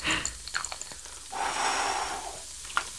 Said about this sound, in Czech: Tak a nyní opatrně foukneme do bublifuku a snažíme se vznikajícími bublinami trefit dovnitř do té krabice.